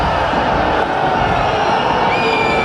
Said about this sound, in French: Oui, parce qu'on est exigeant quand on supporte la SBH, on exulte sur les essais biterrois. On crie fort sur l'arbitre.